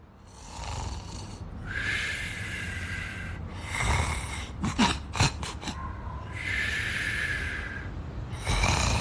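Loud, raspy snoring of a sleeping street dog in long rhythmic breaths, each a harsh buzzing rattle, broken midway by a quick burst of short snorting sniffs before the steady snores resume.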